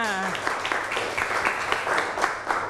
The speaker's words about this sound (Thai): เดี๋ยวดูคำตอบถูกต้องไหมถูกต้องปรบมือค่ะ